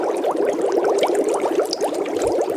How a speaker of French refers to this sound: Alors oui, ce sont des bulles.